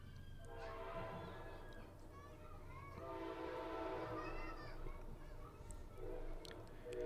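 A southbound Amtrak passenger train rumbles past, a steady low mechanical drone with screeching, tonal wheel and horn-like sounds rising and falling across several seconds.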